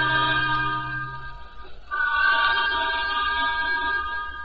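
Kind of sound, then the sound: vehicle, steam train whistle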